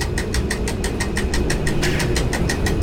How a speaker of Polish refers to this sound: To, co słychać z przeciwnej strony, to jest nastawnik jazdy.